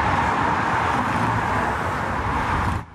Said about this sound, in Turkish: Birçok kentte iki gündür yaşanan yoğun trafik, yoğunluk bugün de devam etti. Yollarda yine uzun araç kuyrukları oluştu.